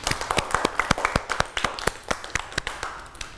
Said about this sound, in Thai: วันนี้เด็กๆเก่งมากค่ะปรบมือให้ตัวเองด้วยค่ะ